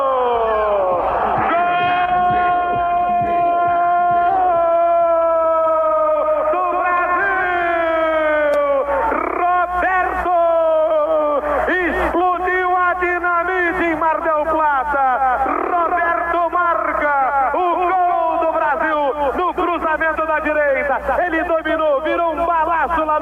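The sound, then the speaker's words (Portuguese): A stadium crowd roars steadily after Roberto, wearing number 20, scores for Brazil in the 39th minute of the first half to make it 1-0, while a man's voice rides over it in a long, loud, wavering shout that rises and falls in pitch for the whole stretch. “No ângulo direito de Concilia, Roberto com a camisa 20 faz essa galera vibrar aqui e em toda a parte do Brasil.”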